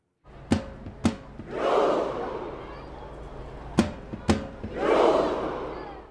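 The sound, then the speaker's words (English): A huge crowd of about 100,000 Norwegian fans, gathered in front of the Royal Palace in Oslo as Norway's national team returns home from the World Cup, performs a Viking chant: two sharp unison claps followed by a swelling, roaring group shout, with the pattern repeating twice over a constant crowd murmur. “About 100,000 Norwegian fans gathered in front of the Royal Palace in Oslo. It was their turn to do the Viking Row, a celebration that exploded all over the U.S.”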